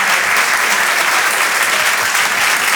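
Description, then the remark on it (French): Loud, sustained applause from an audience at the Rire et Chanson Comedy Club welcoming a comedian, a dense continuous patter of many hands clapping with no pauses, filling the whole stretch with no voices on top. “Je vous demande d'applaudir très très fort, s'il vous plaît,”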